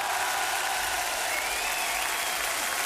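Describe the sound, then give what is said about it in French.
Steady audience applause, a dense wash of many hands clapping at once, loud and sustained for a few seconds with no voices standing out, as the audience applauds a performer being introduced on stage. “je vous demande d'applaudir donc le père éternel et le vrai cette fois”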